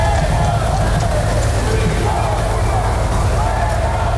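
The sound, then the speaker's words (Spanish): A large crowd at Spain's National Day (Fiesta Nacional) parade whistles and boos Prime Minister Pedro Sánchez on his arrival, in a continuous, loud, dense roar that holds steady without pause. “El presidente del Gobierno, Pedro Sánchez, ha sido recibido con pitidos y abucheos a su llegada al desfile de la Fiesta Nacional, que este año se celebra coincidiendo con la precampaña electoral.”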